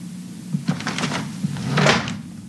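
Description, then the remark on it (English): A wooden dresser underwear drawer slides with a few knocks and rattles, then a scraping push as it's shut, fairly loud, with no one speaking. “His underwear drawer is wide open.”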